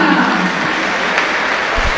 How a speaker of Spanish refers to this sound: Tímidos aplausos para Vera.